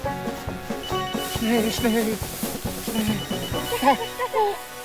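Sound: mobile phone ringing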